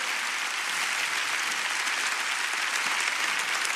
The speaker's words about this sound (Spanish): Dale un fuerte aplauso a la palabra del Señor.